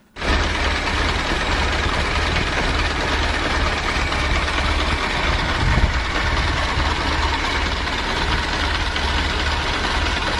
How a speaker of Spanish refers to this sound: Uno la escucha ahora, pero esos eran los sonidos de la niñez de mucha gente también, y este era el sonido del motor.